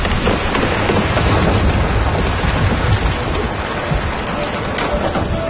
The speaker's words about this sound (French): La petite pluie des derniers jours était devenue torrentielle pendant la nuit.